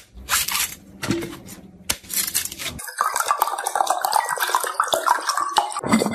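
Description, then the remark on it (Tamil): Two tender coconuts from a palm grown from a seedling brought from Kerala are hacked open for drinking with a few sharp chopping strikes and scraping bursts, followed by a steady gush of liquid splashing out. No one speaks. “இளநீர் 2 வச்சுக்கிறான், வெட்டுறான் குடினு.”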